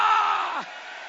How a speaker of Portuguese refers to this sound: Levanta a mão e grita glória!